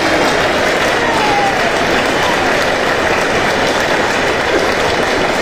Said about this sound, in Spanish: Mae, oiga la ovación, mae. Mae, me tiró tanto para arriba.